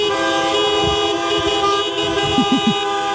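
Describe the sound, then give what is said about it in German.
A chorus of car horns honks continuously, several overlapping tones blaring together at steady loudness like a traffic jam celebrating, with no voices present. “fragen wir uns hier bei Radio Essen, wenn Autos applaudieren könnten, würde sich das dann so anhören?”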